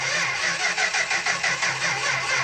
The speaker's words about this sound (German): Ja, die Autos heute, die klingen ja eher so.